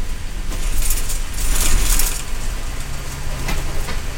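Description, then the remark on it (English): A bus's engine rumbles as it slows, pulling up to a scheduled stop at the Three Warriors Market in Simnasho, in a remote corner of a reservation in Central Oregon, with bursts of hissing air mixed in, then settles into a steady low idle with a faint mechanical rattle. “The bus pulls up to the Three Warriors Market in Simnasho, one of the scheduled stops.”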